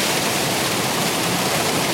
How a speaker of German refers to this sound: Das ist das Wasser hier.